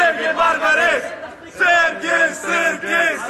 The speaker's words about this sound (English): A crowd of St. Louis Bosnians turn out at Lambert Airport to cheer on their national team as they get off the plane.